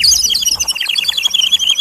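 Dense, rapid bird chirping fills the short stretch, many high tweets overlapping in a busy chorus at steady loudness, with no voices present.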